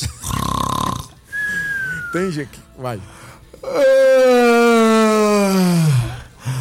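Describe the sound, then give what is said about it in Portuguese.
A voice briefly talks, then gives a loud, drawn-out, rumbling snore-like groan lasting a couple of seconds and sliding lower in pitch, a person imitating heavy snoring. “eu ia imitar, Glauber, um ronco, mas aí eu não vou conseguir”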